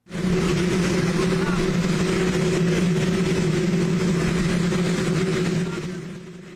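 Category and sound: vehicle, waiting helicopter engine noise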